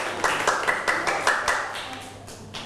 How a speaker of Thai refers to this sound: ปรบมือให้กลุ่มที่2อีกครั้งหนึ่งครับเก่งมากๆนะครับ